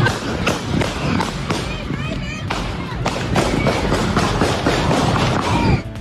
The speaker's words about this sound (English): Twelve people were hit by that incessant gunfire.